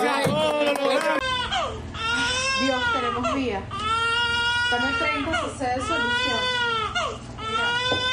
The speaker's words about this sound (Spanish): En medio de una tragedia que ha dejado tanta muerte, el llanto de este bebé se ha convertido en un símbolo de esperanza para todo un país.